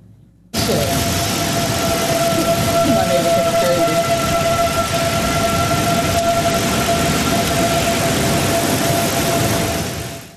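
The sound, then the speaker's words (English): A tornado siren wails continuously in Chicago during a massive Midwest storm, a loud steady tone holding over heavy hurricane-force wind and rushing noise, with traffic rumbling underneath throughout. “In the Chicagoland area, hurricane-force winds reported as tornado sirens blared in the heart of the Windy City.”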